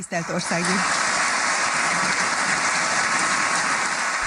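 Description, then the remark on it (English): Sustained applause from a large crowd reverberates through Budapest's neo-Gothic parliament building in Hungary as lawmakers elect András Baka as president, dense and steady throughout, with a brief voice audible at the very start. “Applause reverberates through Budapest's neo-Gothic parliament building.”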